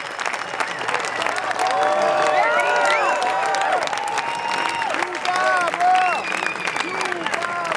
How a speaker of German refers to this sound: Der Applaus am Ende dauert minutenlang an.